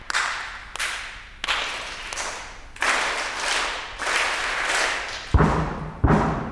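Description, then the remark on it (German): Two school classes in the tiers of the Alto Theater in Essen knock, clap and stomp their feet in loud, repeated bursts at a dress rehearsal, answering the conductor's knocking; sharp knocks and heavy thuds land every second or so, no voices standing out. “Zwei Schulklassen schauen ihm entgegen, klatschen in die Hände und stampfen mit den Füßen.”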